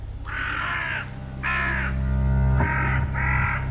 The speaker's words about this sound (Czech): A otkuda tolike vrane? Kamo lete? Prema bojnom polju.